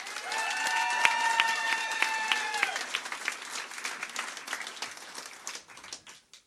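A poetry slam audience claps steadily to welcome the last performer of the preliminary round, a dense, crackling wash of applause, with a few cheers and whoops rising over it early on before the clapping thins and fades out.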